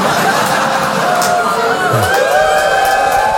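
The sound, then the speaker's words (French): Women in the audience of a live one-man comedy show shout and cheer continuously, with high-pitched voices rising in whoops over a dense, roaring crowd din. “Faire crier où les femmes du public? Check.”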